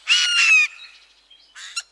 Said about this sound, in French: Le jay a un cri rauque et sonore. Il est considéré comme une sentinelle de la forêt. Sur son arbre perché, il prévient de tous les dangers potentiels par deux stridentes vocalises.